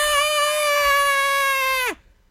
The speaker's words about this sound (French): Très spécial. Okay. Très, très spécial entendre des lynx crier.